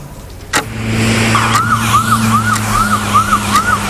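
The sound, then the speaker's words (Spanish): An ambulance carrying a medical team and a liver for transplant in a special cooler to the airport wails its siren in a rapid, repeating rise-and-fall pattern over the steady rumble of the moving vehicle, with a sharp thud near the start and no one speaking. “Ahora mismo estamos en una ambulancia.”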